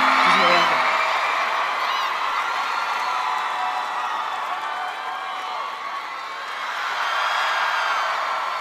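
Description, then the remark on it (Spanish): A dense, steady roar of crowd applause and cheering, played as a sound effect on the radio station Vive FM 106.3, fills the whole stretch, loud and sustained, with voices whooping over the clapping before swelling again near the end. “ponerte un aplauso, por favor. Un efecto.”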